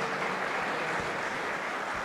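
An audience claps together in a steady, dense wash of applause that holds evenly loud for a couple of seconds, with no voices standing out; the applause is given to the King (God) before the preaching begins.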